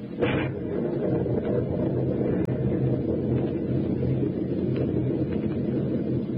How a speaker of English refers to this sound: The storm is rising in intensity every minute.